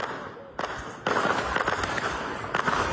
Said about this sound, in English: Heavy fighting has broken out in the Somali city of Baidoa. Gunfire and several explosions have been reported.